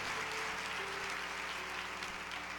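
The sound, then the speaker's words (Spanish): Steady applause from an audience, a dense wash of many hands clapping at an even, sustained level for a few seconds with no voices over it. “Si eso merece aplaudir la palabra de Dios.”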